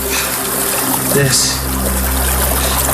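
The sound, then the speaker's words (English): A steady trickle of water from the melting mountain snowpack at the furthest upstream origin point of the Rio Grande, a continuous gurgling wash that stays even throughout, with a brief faint vocal sound partway through. “we hiked up into the snowpack to see it melting, to see it becoming the Rio Grande.”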